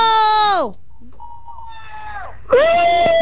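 A radio show caller from Punta Cana gives a short, loud signature shout: two piercing, high-pitched wails with a thinner, quieter cry between them, strained, almost like a yowling cat.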